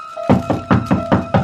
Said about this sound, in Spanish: cuando escuché unos golpes en la puerta. Me extrañó esta circunstancia, pues sabía que mi amigo llevaba siempre la llave.